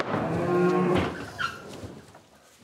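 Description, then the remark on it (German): A 700-kilogram mother cow, being led into a livestock trailer to go out to pasture, lets out one long, loud, low moo lasting about a second, its harmonics steady, followed by quieter rustling and a brief higher squeak. “Die Mutterkühe sind den Gang in den Viehwagen gewohnt.”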